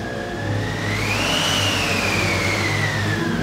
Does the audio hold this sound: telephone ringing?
no